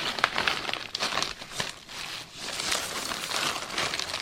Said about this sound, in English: Caroline Funk is sorting through about 100 small plastic bags. They're laid out across a table in the back room of the Museum of the Aleutians in Unalaska.